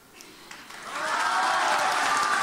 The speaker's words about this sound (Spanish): Palabras que han arrancado el aplauso del auditorio.